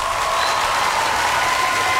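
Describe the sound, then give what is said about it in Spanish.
Steady, dense applause from an audience, a loud continuous wash of many hands clapping with no pauses and no talking over it. “Un fuerte aplauso más, por favor.”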